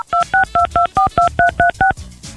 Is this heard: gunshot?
no